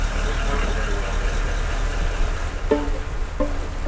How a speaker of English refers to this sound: And with that, Gary hits the throttle out of the marina. Oh, that's cool.